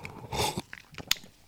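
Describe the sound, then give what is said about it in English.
A quiet slurping sip of cold latte, without milk or ice, from a cup: a brief airy draw followed by a few soft mouth clicks and a small swallow, with no talking. “Let's have a sip of this iced latte, 1 second.”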